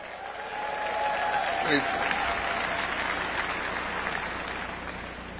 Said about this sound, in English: Give your President Weingarten a great big round of applause.